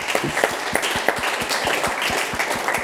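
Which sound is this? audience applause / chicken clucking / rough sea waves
audience applause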